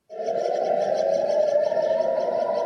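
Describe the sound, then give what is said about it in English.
Air raid warning sirens wail across Jerusalem during Iranian missile fire on Israel, a loud, sustained tone that holds steady with a slight rise in pitch, sounding continuously with no talking. “Warning sirens ring out across the holy city, followed by the sound of Israel's air defences picking Iranian missiles out of the sky.”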